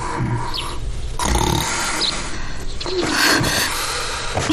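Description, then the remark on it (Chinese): A man snores in bed: loud, rough snoring with a grunting, snorting rasp, rising and falling in about three long breath cycles separated by short pauses. “别打呼噜了，我让你别打呼噜了。”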